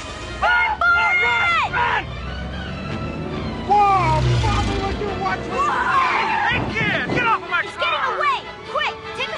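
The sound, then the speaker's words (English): A school bus pulls up, its engine rumbling low and loud for a few seconds, surrounded by busy, chirpy voices and squeaky sounds that keep going throughout. “The bus is here.”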